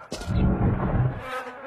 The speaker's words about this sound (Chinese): 什么味儿啊，这这么多苍蝇蚊子，臭死。